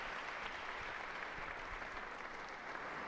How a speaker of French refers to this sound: Des représentants des différentes délégations et des secrétariats diocésains, des séminaristes, des employés de la cathédrale et d'une représentation riche de beaucoup de volontaires, et ils applaudissent.